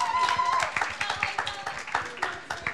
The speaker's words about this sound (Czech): Potlesk, prosím.